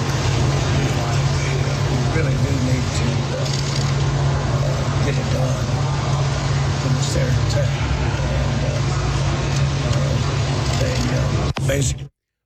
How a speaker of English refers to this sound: They got him on the back of a motorcycle. Even John started the Harley.